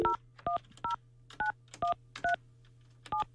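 telephone dialing tones

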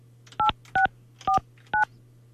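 telephone keypad dialing tones

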